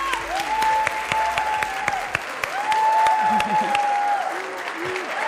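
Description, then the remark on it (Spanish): Loud, sustained applause from an audience welcoming an astronomer guest from the Instituto de Astronomía de la UNAM, dense clapping with occasional cheers and whistles rising above it, continuing steadily throughout. “Y para eso les pido que le den un fuerte aplauso”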